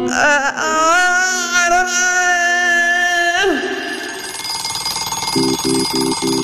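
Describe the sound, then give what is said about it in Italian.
A long, wavering wail with a sliding pitch fades out, then an alarm clock starts ringing: four quick, evenly spaced electronic beeps near the end, fairly loud. “La sveglia suona.”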